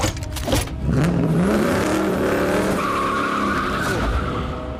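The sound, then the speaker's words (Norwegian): A red sports car roars off, its engine revving higher and higher over a loud screech of skidding tires, a continuous burst of noise lasting several seconds with no voices. “Jeg mistenker at hun har stjålet en rød sportsbil.”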